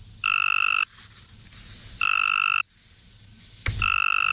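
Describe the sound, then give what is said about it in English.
A Cope's gray tree frog male gives three loud, buzzy trilled mating calls, each lasting about half a second, evenly spaced, with no talking. It is the strong 'target' call used in a University of Tennessee, Knoxville study of female tree frogs' mate choice. “To the human ear, not much difference, but to a Cope's gray tree frog, the first one sounds strong and healthy, everything a lady frog is looking for in a mate.”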